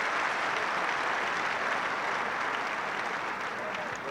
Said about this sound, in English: I think it's been taken care of now. As applause ripples round, and Dimitrov does step to the line now.